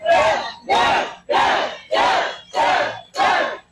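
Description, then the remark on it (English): A large crowd at the Old Town Plaza in New Mexico chants Deb Haaland's name in unison on election night as she takes the stage, loud rhythmic bursts repeating about every half second, six shouts in a steady, driving cadence with brief gaps between each. “As the crowd was chanting her name, Deb Haaland took to the stage to thank voters for their support and outline her agenda.”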